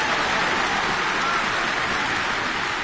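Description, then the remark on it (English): A steady round of applause as the presenter walks into the RNZ Concert radio studio, dense overlapping clapping that forms an even wash of sound, holding at a constant level for the full few seconds with no voices. “Nice to have a round of applause to walk into the studio.”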